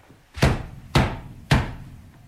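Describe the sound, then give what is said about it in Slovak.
A horse knocks three heavy times on the wooden door of a house. The knocks are evenly spaced about half a second apart, each a loud, booming thud with a short ringing decay. There are no voices. “Ty si mocný. Zabúchaj na dvere.”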